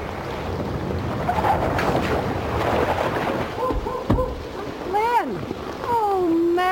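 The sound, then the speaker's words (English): Steady, loud rushing water of a rising river in flood fills the scene from start to finish, a broad churning roar, with some brief tonal whines and sliding pitches rising over it near the end. “Water's coming up fast.”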